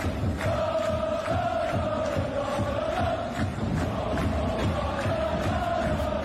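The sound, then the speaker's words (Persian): A stadium crowd performs the "Vamos Nippon" chant in long, sustained unison tones while large Japanese drums and the spectators' stomping feet pound out a steady, regular beat that keeps going throughout. “توی این حرکت کل استادیوم با ریتم و ضرب آهنگ تبلای بزرگ ژاپنی هماهنگ میشه.”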